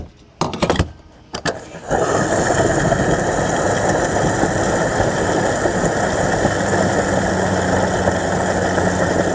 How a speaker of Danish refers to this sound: Ja, hvis du ikke allerede har regnet den ud, så er det altså lyden af en bil, der bliver tanket op.